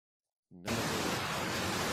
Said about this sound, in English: Now it's a loud thing. Very loud. Is it a flood? It's a big flood. It's a torrent of water. There it goes. Now it's not so loud. It's a torrent of water carrying all these cars and trucks down the river.